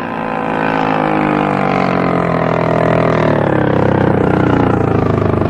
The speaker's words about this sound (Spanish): Las lanchas se detienen cerca del casco por estribor.